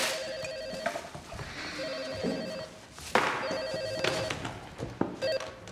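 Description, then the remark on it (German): A telephone rings with repeated electronic trills in bursts, clear, over a faint background of room noise with no one speaking. “Oh, Telefon.”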